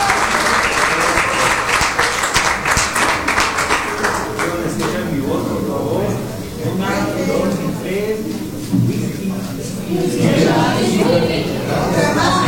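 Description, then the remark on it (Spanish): An audience applauds for the singers with a dense, steady clatter of many hands for several seconds, then the clapping thins out as a man begins speaking over the tail of it. “Fuerte el aplauso, señoras y señores, para estos artistas que con su talento pues nos demuestran que no existen barreras.”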